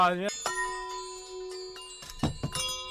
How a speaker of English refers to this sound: All right, there's the bells. And you're listening to KUCI.